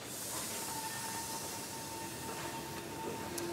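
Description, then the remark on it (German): A special excursion train arrives with a steady, loud hiss and rumble, a thin sustained whine running underneath and occasional faint clanks, with no voices. “Radfahren, Wandern, Autofahren oder an besonderen Tagen mit einem besonderen Zug, dem Rhönzügle.”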